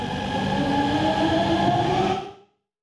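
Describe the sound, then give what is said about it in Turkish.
A fast train running at 120 kilometres per hour rushes along the tracks, a loud, steady rumbling roar with a faint whining hum on top, ending abruptly after a couple of seconds. “Metrolardan farklı olarak saatte 120 kilometre hızla seyredecek.”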